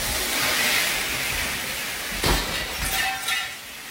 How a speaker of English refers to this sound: Luckily, she was recording all this and left it rolling after the top of the pole crashes into a glass case.